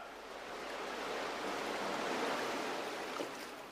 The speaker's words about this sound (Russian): Хорошо, хлопцы, тут на скале. Пусть прибой кипит. Красиво.